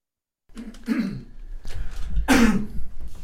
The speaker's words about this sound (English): I didn't know you were coughing.